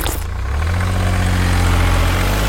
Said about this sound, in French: Ce camion benne, il récolte les déchets, les écrase pour qu'ils ne prennent pas trop de place et ensuite, il peut les décharger. En gros, c'est une poubelle avec des roues qui mange des poubelles.